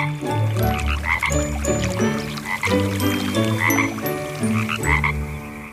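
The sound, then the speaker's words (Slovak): A dense chorus of frogs croaking steadily at a pond at night, many overlapping calls pulsing in a continuous, fairly loud rhythm with no voices. “To si asi kačky na rybníku zaželali dobrú noc. Poctivo im odpovedajú aj žaby.”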